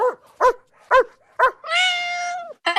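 Four sharp, evenly spaced dog barks ring out loud with no talking, followed by a long, high, wavering cry and the start of another bark.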